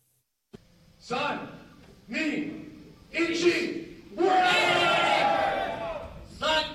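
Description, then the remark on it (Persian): At a competition in Tokyo between remotely controlled humanoid robots fighting inside a cage, a single sharp metallic clank of metal striking metal opens, then a crowd of spectators cheers and shouts in repeated surging waves, building to a long loud roar of excited voices. “صدای برخورد فلز با فلز، تشویق تماشاگران و مبارزه‌ای که این بار نه میان انسان‌ها بلکه میان ربات‌های انسان نما جریان دارد.”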